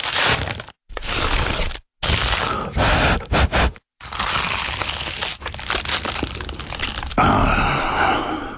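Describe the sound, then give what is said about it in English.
Someone bites into and chews an award-winning Dad's Pies pie, with loud crunching and crackling of flaky pastry in bursts broken by brief silences, then a softer, steady chewing rustle, plus a few low grunts. “That was the sound of an award-winning dad's pie.”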